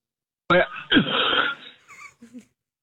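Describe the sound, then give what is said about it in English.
A harsh, raspy cough over a telephone line, caused by a piece of cereal stuck in the throat: a short bark followed by a longer, rough hack, then a few faint throaty sounds trailing off. “I didn't mean to cough on the phone.”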